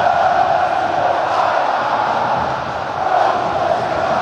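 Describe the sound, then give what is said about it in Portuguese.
A stadium crowd of Botafogo supporters at the Nilton stadium roars in a dense, continuous wall of shouting and cheering on a Copa Sul-Americana match day, loud and steady throughout, with a slight dip partway before the noise swells back up. “Tá bonito, grita a galera aqui no Nilton, é dia de Botafogo, é dia de emoção, não se compara.”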